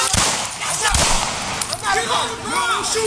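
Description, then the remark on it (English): Two sharp, loud gunshots crack about a second apart over a noisy scene, followed by raised voices calling out amid the commotion; police body camera footage of a melee on Warwick Street, with officers shooting at a rampaging, biting dog. “On the video, several officers can be seen trying to control the scene. Shots can be heard.”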